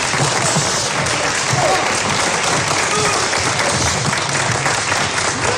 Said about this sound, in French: maintenant, chers amis, j'ai la joie de vous présenter hors programme la chorale de nos valeureux sapeurs-pompiers sous la conduite d'un de leurs camarades. On applaudit bien fort.